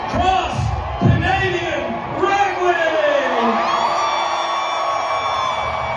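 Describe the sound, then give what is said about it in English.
A loud, excited crowd at a band's performance cheers and whoops, with rising and falling shouts from many voices blending into a sustained roar that carries on without pause. “To have that excitement, to have that kind of crowd, I mean, it's going to do nothing but pour gasoline on any kind of creative force, I think.”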